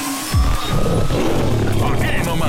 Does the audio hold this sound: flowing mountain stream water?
no